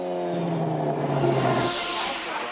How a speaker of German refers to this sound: Die Fans bekamen Oldtimer und Autos aus den USA zu Gesicht. Die Szene schätzt besonders die Lautstärke vom Auspuff.